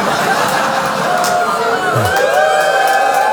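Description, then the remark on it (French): A loud, dense crowd of audience fans at a one-man show cheers and shouts continuously, with overlapping whoops and high voices rising above the steady roar throughout. “Faire crier où les fans du public?”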